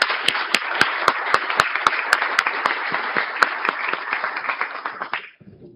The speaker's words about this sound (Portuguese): Salve de palmas ao João Antônio.